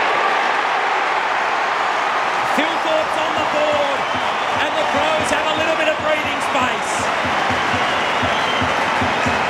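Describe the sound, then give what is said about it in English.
A large football stadium crowd roars and cheers loudly and without pause after Riley Fielthorpe kicks a goal from 45 metres out at a slight angle, a dense, sustained wall of noise with applause mixed in and faint voices underneath. “It'll be the biggest roar of the day if he can kick it. Crowd will tell you.”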